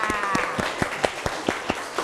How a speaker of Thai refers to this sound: โอเคค่ะขอเสียงปรบมือให้นักเรียนชายหน่อยค่ะ